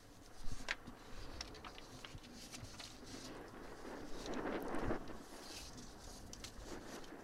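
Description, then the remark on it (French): Light wind outdoors on Lampedusa under a clear sky, a soft steady rumble and hiss that swells briefly midway, with faint scattered taps and clicks in the background and no one speaking. “Il y a un petit peu de vent et le ciel est au beau fixe à Lampedusa”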